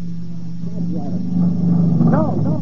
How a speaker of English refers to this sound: What's that? Motorcycle.